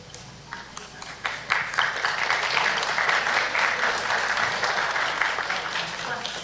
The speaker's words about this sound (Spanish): Un fuerte voto de aplausos, por favor, para su representante.